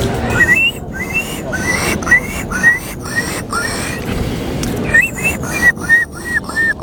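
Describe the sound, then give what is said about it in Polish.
A contestant in a bird-call imitation contest mimics a gull with a rapid series of short, high squealing cries in two bursts separated by a brief pause, fairly loud over a steady background hiss. “To była mewa. To była mewa, tak.”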